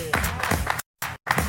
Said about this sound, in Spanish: Bueno, ¿no te importa venir? Claro. Venga, un fuerte aplauso.